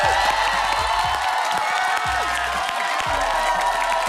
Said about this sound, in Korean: 이 시간만 되면 방청객들의 환호와 박수가 네, 1, 2부와는 전혀 다른 느낌이죠.